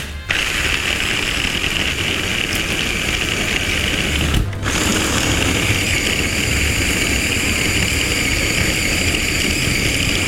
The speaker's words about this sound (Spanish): Lo estamos triturando por partes porque nuestro procesador es pequeño, pero ahorita vamos a ir uniendo todo. Entonces, vamos a procesar esta segunda parte.